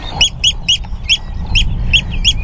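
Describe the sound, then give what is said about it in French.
A rapid series of sharp, piercing alarm calls from an oystercatcher in the salt meadows of the Hallig Nordstrandischmoor in June, about eight shrill peeps in quick rhythm, loud over a low rumble of wind or background noise. “C'est un nutriépi. Son nid ne doit pas être loin.”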